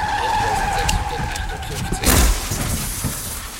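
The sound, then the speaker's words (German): A Fiat car brakes hard with a braking distance of 6 metres, its tires letting out a steady, high-pitched screech for about two seconds before a loud, heavy burst of noise cuts in, followed by a rough rumbling tail. “Ihr aktueller Bremsweg beträgt 6 Meter.”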